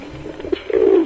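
A pigeon coos, a soft throaty burble that swells into one longer, rolling coo near the end, with no voices or other sounds around it.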